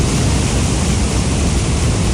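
rushing floodwater

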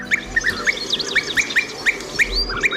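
european bee-eater call

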